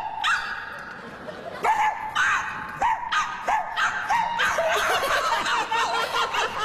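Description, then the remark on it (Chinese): Two people imitate a dog barking, letting out a run of sharp, loud woofs in an irregular rhythm, with bits of snickering laughter mixed in close by. “听见没有？什么俩狗啊，那是我和他，我们俩人。”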